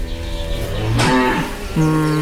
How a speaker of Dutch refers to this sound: Dat is het goed geluid. Wat we hebben geprobeerd is om te laten zien dat de geluiden die de koeien maken niet betekenisloos is. Maar dat ze betekenis krijgen in de context en in de situatie. En altijd in relatie tot iets.